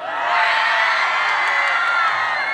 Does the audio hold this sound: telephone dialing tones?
no